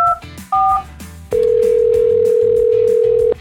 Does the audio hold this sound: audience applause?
no